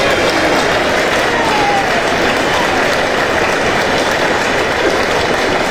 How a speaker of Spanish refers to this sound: Mae, oiga la ovación, mae. Mae, me tiró tanto para arriba.